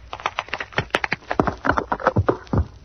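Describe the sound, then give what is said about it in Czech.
Quick, clattering footsteps thump up hollow airplane boarding stairs, fairly loud, with a couple of sharper cracking snaps as the stairs crack, mixed into the uneven rhythm. No one speaks. “A tohle byly ty schůdky. Co po nich nastupují cestující? Jenže pod Hugem samozřejmě praskly.”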